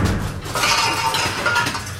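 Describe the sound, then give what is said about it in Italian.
A loud, continuous metallic clatter of pots and pans banging together for a couple of seconds, busy and harsh with ringing overtones, with no voices. “Un fottutissimo corpo di pentole! Faccio un casino della Madonna!”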